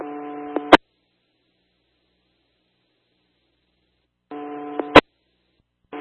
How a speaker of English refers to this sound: I don't know why that's my radio clicking.